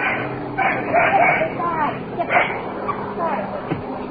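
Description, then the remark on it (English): A puppy lets out several short, high yipping barks in uneven bursts, with a whiny edge between them, over a low background hum. “Oops, woke the dog.”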